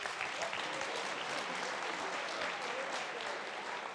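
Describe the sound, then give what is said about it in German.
Steady applause from an audience fills the whole stretch, a dense wash of many hands clapping at an even level with no voices standing out. “Das ist Ihr Applaus.”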